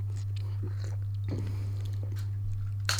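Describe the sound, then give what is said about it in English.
Someone takes a quiet sip of coffee, with soft slurping and small mouth sounds over a steady low electrical hum, and no talking. “Okay, I've got a cup of coffee now. People, the energy of the show is about to lift tenfold. Let's have a sip.”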